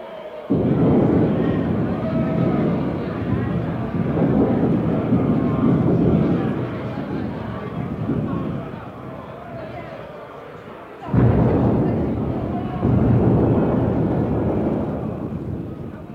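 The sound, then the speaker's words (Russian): Deep rolling thunder rumbles on and on, loud and heavy, fading slightly before a fresh crack and a second long roll take over, like an approaching thunderstorm. “Гроза приближалась.”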